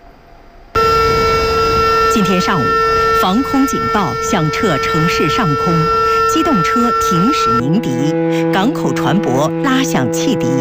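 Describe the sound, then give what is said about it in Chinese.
A steady air raid siren drones over a city alongside sustained horns from stopped motor vehicles and whistles from ships in port, loud and continuous for about ten seconds, marking the 95th anniversary of the September 18 Incident, with voices talking underneath and the horn chorus shifting near the end. “今天上午，防空警报响彻城市上空，机动车停驶鸣笛，港口船舶拉响汽笛，共同悼念为中华民族独立和人民解放而英勇献身的革命先烈，缅怀罹难同胞。”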